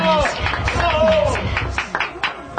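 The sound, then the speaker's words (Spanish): An audience at a contest applauds with steady, dense clapping, mixed with cheering voices and crowd chatter, staying loud throughout before thinning out slightly toward the end. “¡Ah, un aplauso para”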